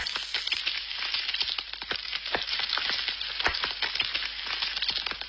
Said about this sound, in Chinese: 油热后，均匀地下入腌制好的五花肉，小火慢煎。